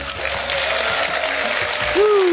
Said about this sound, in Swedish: Det här är Lundströms bokradio. Med mig, Marie Lundström, en stor varm applåd för våra bokcirklande gäster